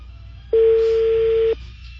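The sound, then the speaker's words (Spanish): A single steady electronic phone tone sounds for about one second over faint line hiss, a ringback tone on an unanswered call placed on air to a listener, then stops. No one speaks. “Mire, ahí está sonando el teléfono, no contesta.”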